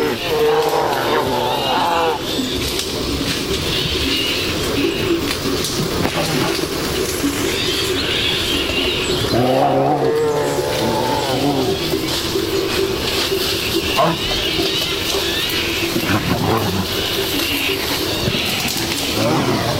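Two Iberian brown bears, a male and a female, thrash through dense scrub, with steady rustling and snapping of brush, broken by deep, rough growls that flare up twice, all loud.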